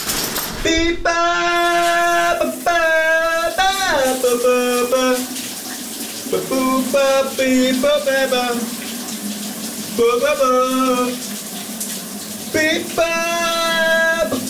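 A voice sings sustained, wavering notes in short phrases over the steady hiss of running shower water in a shower cabin, the spray loud and constant throughout, during a morning shower-singing segment on the radio station VLR.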